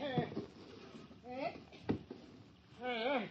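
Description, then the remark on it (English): A small rowboat is pulled in toward shore by a tossed line: a hollow wooden thump and some sloshing, with people's voices calling out briefly around it. “Grab this line when I toss it to you. Yeah, good throw, Skip. Pull us in, will you?”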